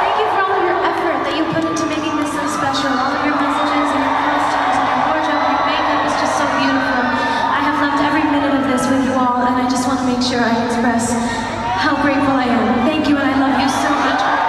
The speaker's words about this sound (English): She thanked her cheering fans at the O2 Arena.